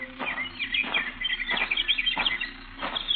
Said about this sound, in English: Oh, I know. You're ashamed to go near the statue. Well, you ought to be. It's a terrible thing what you birds have done to it.